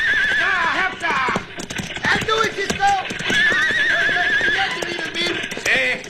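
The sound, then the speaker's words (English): A herd of horses near the edge of a bluff neighs and whinnies repeatedly over a steady rumble of galloping hooves, loud, with several shrill calls overlapping and a voice faintly audible beneath. “Horses crowd you over the edge.”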